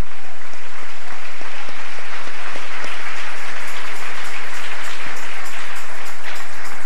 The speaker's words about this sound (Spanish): Dele ese aplauso al Rey.